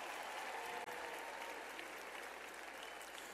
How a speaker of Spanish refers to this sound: Un aplauso fuerte para todas y todos ellos.